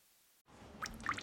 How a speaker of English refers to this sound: Hey, it's your ceiling vent, so I'm dripping. Could be the rain, could be the upstairs bathroom.